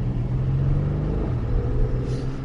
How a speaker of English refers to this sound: Got the windows down as we're driving this 2025 Porsche Cayenne GTS. And what a piece of equipment it is. The sports exhaust popping and cackling underneath this is somewhat addictive, to be honest.